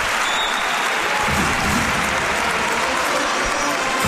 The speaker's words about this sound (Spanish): Y el balón será para el equipo malagueño después del triple que ha metido Kyle Guy. Ahora aplaude el público.